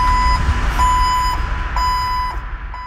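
A forklift's reversing alarm sounds a few steady, evenly spaced mid-pitched beeps over a low, continuous engine rumble, with no voices.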